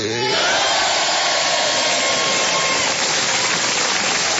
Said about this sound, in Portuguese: aplausos pros aniversariantes. Vamos lá, gente.